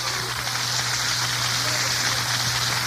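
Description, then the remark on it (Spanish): An audience applauding the Lord at night, a dense, steady wash of many hands clapping that holds at an even, fairly loud level for the whole stretch, with a low electrical hum underneath. “Den un aplauso al Señor fuerte esta noche.”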